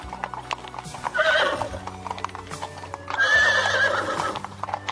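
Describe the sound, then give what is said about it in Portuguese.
Horses pulling carriages clip-clop along at a steady trot, hooves knocking in a quick regular rhythm, while a horse whinnies loudly twice, once near the start and again in a longer call toward the end. “E muitos servos o acompanharam em outras carruagens e galopando a seu lado nos seus lindos cavalos.”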